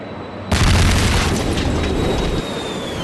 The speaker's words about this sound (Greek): Όταν ακούστηκε για δεύτερη φορά μια ισχυρή έκρηξη από τον Γιόλβασε, το ρολόι έδειχνε 2:20. Οι πραξικοπηματίες επιτέθηκαν με τα μαχητικά αεροσκάφη που είχαν κατασχέσει στη Διεύθυνση Ειδικών Επιχειρήσεων της Αστυνομίας στο Γιόλβασε.